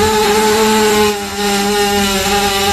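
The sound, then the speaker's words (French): A horse burps in one long, loud, droning belch that holds a steady buzzing pitch for nearly three seconds, rasping like a small engine, with no one talking. “Je vous ai fait jouer tout à l'heure avec ce son qui m'avait fait rire, le son du route de cheval.”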